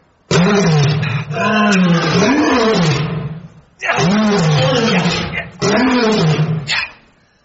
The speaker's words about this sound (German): Was ist das? Hört sich an wie ein Löwe. Aber ich sehe ihn gar nicht.